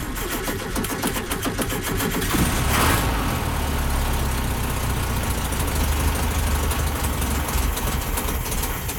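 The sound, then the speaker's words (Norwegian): A 1970 Volkswagen Beetle engine idles steadily, a continuous low chugging rumble with a brief rise in revs early on, then settling back to an even idle. “En helt særegen motorlyd også. Det en egen motor. Det var en 1970-modell. Ja. Det jo folkevognboblas dag i dag”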